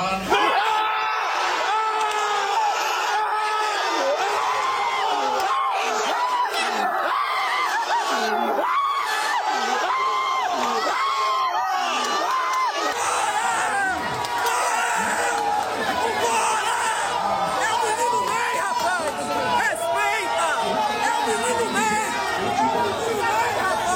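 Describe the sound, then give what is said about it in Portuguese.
A large crowd of football fans cheers and shouts without pause, reacting immediately and emotionally after Neymar's name is announced, loud excited voices and whoops blending into a dense, steady roar that lasts the whole time. “Depois que o italiano disse o nome do Neymar, a reação da torcida foi imediata e emocionante.”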